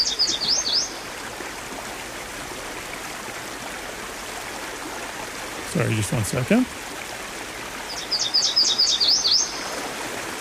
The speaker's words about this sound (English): today we're going to be talking about the yellow warbler, which, sorry, Ryan, I'm going to steal this real quick for a second, which got a very distinctive call